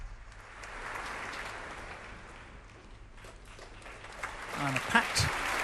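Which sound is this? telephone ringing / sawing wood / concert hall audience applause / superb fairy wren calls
concert hall audience applause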